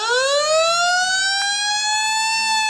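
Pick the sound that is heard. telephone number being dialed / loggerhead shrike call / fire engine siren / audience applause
fire engine siren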